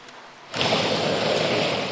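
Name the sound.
sea waves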